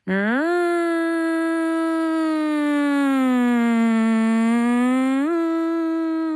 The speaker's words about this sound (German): Wenn ihr dann eine Minute einen auf- und abschwellenden Heulton hört, das ist der Alarm. Das klingt dann ungefähr so.